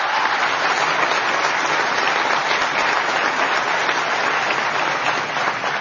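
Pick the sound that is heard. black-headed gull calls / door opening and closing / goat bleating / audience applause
audience applause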